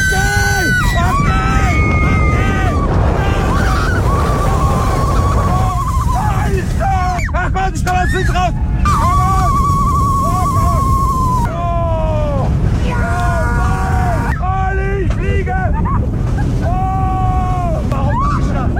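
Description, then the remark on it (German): A ride on the Silver Star roller coaster at Europa-Park in Rust at 130 km/h, with Bülent Ceylan aboard: steady loud roaring wind and rumble throughout, with people repeatedly screaming and shouting in rising and falling wails over the noise. “aktuell ist der Bülent Ceylan beim Achterbahnfahren. 130 km/h mit dem Silver Star im Europapark Rust.”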